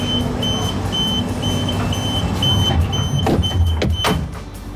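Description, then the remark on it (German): A train pulls away: a steady low rumble with recurring high-pitched warning tones above it, then louder hissing and clunking bursts building toward the end. No one speaks. “Das verbindet man entweder mit einem puren Stress, wenn man den Zug fast verpasst, oder mit einem Abenteuer.”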